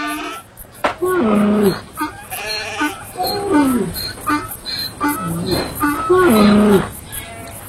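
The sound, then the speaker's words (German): A flock of goats and sheep bleats repeatedly, with about five wavering, nasal calls following one another, some overlapping, against a low background murmur. “7000 Stück Kleinvieh besaß er, 3000 Kamele, 500 Rindergespanne und 500 Eselinnen.”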